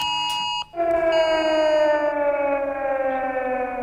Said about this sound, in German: Ja, wenn Sie eine Sirene heulen hören oder Ihr Handy plötzlich Alarmtöne von sich gibt oder Sie eine Durchsage wahrnehmen, es ist nur eine Probe, denn es ist der bundesweite Warntag, wie immer im September.